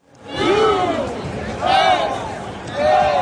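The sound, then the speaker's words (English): A huge, rowdy stadium crowd of more than 70,000 soccer fans at a World Cup game in sunny Southern California roars and chants, with three loud swells of massed voices rising and falling over a constant, dense din. “It was a rowdy crowd of more than 70,000 who turned out in sunny Southern California to see the rare World Cup game that didn't really matter.”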